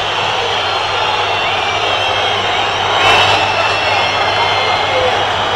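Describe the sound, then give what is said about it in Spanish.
A stadium crowd of fans whistles loudly and continuously at the departing Vélez team after a defeat, shrill piercing tones layered over a dense roar, with a brief swell in intensity midway through. “Silbado desde los cuatro costados.”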